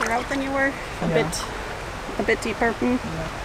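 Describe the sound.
Steady burble of shallow stream water, with feet wading through it, while a person talks in short phrases over the flowing water; alder trees along the stream drop their leaves into the water.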